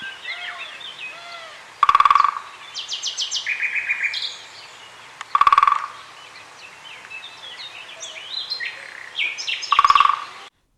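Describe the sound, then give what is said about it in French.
A male great spotted woodpecker drums three short, rapid rolls on wood to attract a female, a few seconds apart and loud, while other birds sing and chirp steadily in the background. “Le pique-épêche. Lui, il s'exprime d'une façon vraiment inattendue.”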